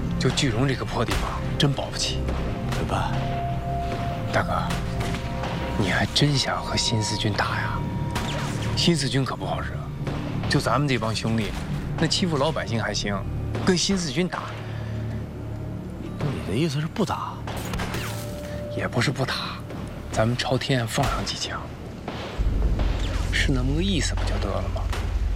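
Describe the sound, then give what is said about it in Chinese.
Intense gunfire crackles in rapid, overlapping bursts in the middle of the night, apparently from the direction of the military police headquarters, continuing steadily for the whole stretch over a busy, droning background with hints of voices. “是枪声，好像是宪兵队那边。”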